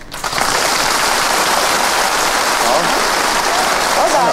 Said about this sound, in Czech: Teď si zkusíme zdvořilý. Zdvořilý. Prosím. A teď vřelý potlesk.